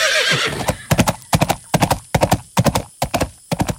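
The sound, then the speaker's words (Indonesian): A horse gives a short, shrill whinny, then its hooves pound in a quick, steady galloping rhythm of grouped beats, loud, with no voices, as it is mounted and spurred into a run. “Dulu sewaktu remaja, ia bersama saudarinya pernah ikut latihan keprajuritan berkuda atas perintah ayahandanya, Prabu Kertanegara, sehingga saat ini ia tidak canggung mengendalikan kuda. Hiat!”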